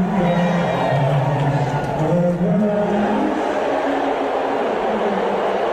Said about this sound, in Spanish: Parece un abucheo, ¿no? Son unos abucheos tremendos.